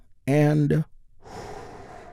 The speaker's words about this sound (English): And we get things started by taking a slow, deep healing breath with me. Here we go.